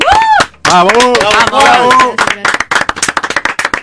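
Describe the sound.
Loud cheering and whooping voices rise at first, then give way to a burst of quick, uneven audience clapping that continues to the end.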